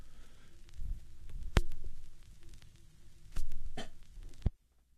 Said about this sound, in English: On vinyl, that was the clicking sound. I brought that in.